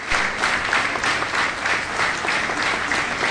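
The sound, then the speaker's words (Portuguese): Loud, sustained applause from a large crowd at the funeral of former Cáritas president Eugénio Fonseca in Setúbal, Portugal, as his body leaves the Setúbal headquarters for the Nossa Senhora da Piedade cemetery. The dense clapping keeps a steady intensity throughout with no voices standing out. “Ao som de uma forte salva de palmas, o corpo de Eugénio Fonseca sai da sede de Setúbal rumo ao cemitério de Nossa Senhora da Piedade.”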